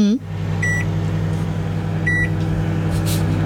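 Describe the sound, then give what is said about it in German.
A microwave oven hums steadily with a low electrical drone while cooking Kaiserschmarrn batter with folded-in beaten egg whites in a buttered dish. Two short, high-pitched beeps ring out clearly over the running motor, fairly loud. “Also ich habe den Eischnee unter den Kaiserschmarrnteig gehoben, vorsichtig untergehoben und habe das alles in die eingebutterte Form rein. Und das ist jetzt in der Mikrowelle.”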